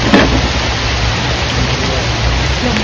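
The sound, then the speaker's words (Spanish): Heavy rain pours down in a loud, steady hiss, with a low rumble of thunder underneath and a few sharper spatters standing out near the start and end. “La lluvia arreció. Los truenos rompieron el silencio y complicaron aún más la búsqueda.”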